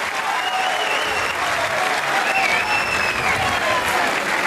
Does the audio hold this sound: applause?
yes